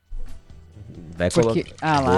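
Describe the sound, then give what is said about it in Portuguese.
Tonic water glugs and splashes as it's poured from a can, a short pour that gives way to voices talking over the tail of it. “Hoje é sexta-feira, latinha de água tônica para todo mundo.”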